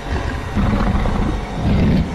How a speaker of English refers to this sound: We just heard this extremely deep growl come from inside.